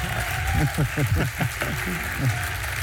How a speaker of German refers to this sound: Das war jetzt echt die billigste Art und Weise, wie man sich eine Zugabe holen konnte. Applaus ist Applaus. Aber Applaus ist Applaus.